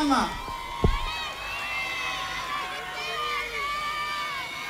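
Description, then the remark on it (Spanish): An audience applauds and cheers at the Alanis award ceremony in the commune of El Bosque, in a dense, steady wash of clapping and raised voices that holds at a fairly even level throughout, with a brief low thump early on. “Comienza ahora los aplausos del público y además la premiación”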